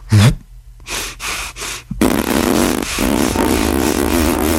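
A performer puffs the cheeks up thick and forces air out through them with a low, flapping, fart-like buzz while still breathing, like a small bagpipe in the mouth, broken by three quick breathy puffs, then running on as a steady raspy drone. No one speaks.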